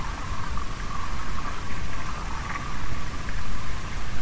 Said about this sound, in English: we hear this cracking, this small cracking, which is actually from the ionosphere. No, it's very, very far away that we can only hear because there's not human-made interference nearby.